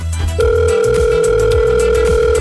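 A telephone ringback tone, one steady electronic burst lasting about two seconds, heard clearly and fairly loud over faint low background music, with no one talking.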